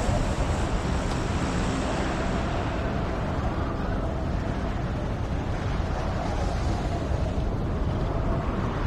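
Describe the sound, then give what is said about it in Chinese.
A steady, fairly loud roar of ocean waves washing onto the shore, continuous and unbroken with a breezy hiss mixed in, and no voices. “这儿吧， 海景房。”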